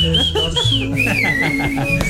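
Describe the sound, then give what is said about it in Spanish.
Someone whistles the birthday song 'Las Mañanitas', a clear, steady melody rising and falling, with musical accompaniment playing underneath and no talking. “Chiflale, chiflale, por favor.”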